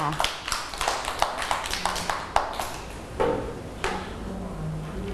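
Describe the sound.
A group of children clap at their teacher's request for a classmate who answered questions about hot weather, in a loose, uneven burst, sharp hand smacks overlapping irregularly for several seconds, with faint voices murmuring underneath.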